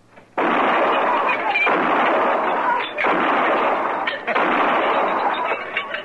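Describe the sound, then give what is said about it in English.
A loud barrage of gunshots shatters glasses lined up in a bar, merging into a harsh, continuous crashing roar that comes in about four long surges with brief dips between them. “Pick off some of them glasses all lined up so nice and pretty.”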